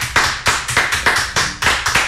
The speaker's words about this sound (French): Eh ben bravo, on peut les applaudir.